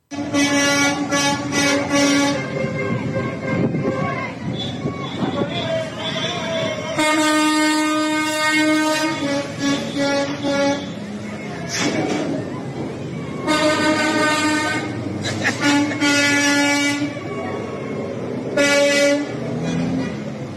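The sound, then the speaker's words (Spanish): Loud, drawn-out truck horns blare in repeated long blasts, several overlapping at once, with a steady low rumble of engines and traffic underneath between the honks, as truck drivers honk at teachers in Mexico City. “Bueno, pues así se vivía el momento de que, como escuchabas, pues ahí los traileros sonándole el claxon a los maestros de la coordinadora.”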